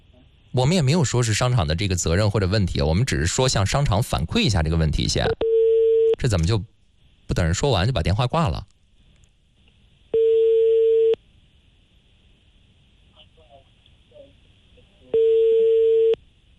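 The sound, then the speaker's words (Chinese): Steady telephone busy tone beeps, each about a second long, recurring at intervals after staff at the Sancai furniture market in Zhengding hung up on a call from a Hebei radio traffic station. People talk loudly over the first stretch before the tones continue alone. “不是这么大的商场，接电话的工作人员没等我们把电话说完，直接把电话挂断了，一点基本的礼貌也没有。”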